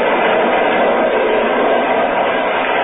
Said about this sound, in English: We're running at 60 miles an hour on open track in the dead of night. Now we thunder through a sleeping village.